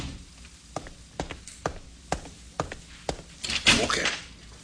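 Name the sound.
door closing shut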